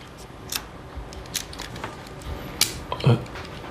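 A car key, with one part for opening the door and one for starting the car, is handled, giving a few brief metallic clicks and clinks scattered irregularly over a few seconds against a quiet background.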